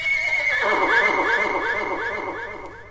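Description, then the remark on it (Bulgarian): A white horse neighs loudly, a long quavering whinny that trembles up and down for about three seconds before trailing off. “Литна с най-белия кон.”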